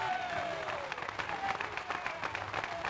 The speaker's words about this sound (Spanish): Dale fuertes y aplausos para Él.